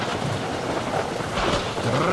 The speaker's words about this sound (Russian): Трах-так-так-так! Явственно отчеканивал гром, катился по небу, спотыкался и где-нибудь у передних вазов или далеко сзади сваливался со злобным отрывистым тра.